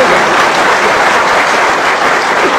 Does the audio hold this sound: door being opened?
no